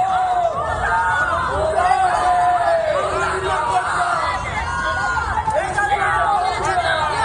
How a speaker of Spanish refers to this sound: El ministro del Interior, Fernando Grande Marlaska, ha vuelto a visitar Ceuta, donde ha sido recibido con gritos de traidor.